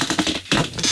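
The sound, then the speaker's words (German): A radio studio chair squeaks and creaks in a quick run of scratchy, uneven bursts over about a second, fairly loud, with no one talking. “Das sind unsere Studiostühle, man hört die sonst immer im Hintergrund.”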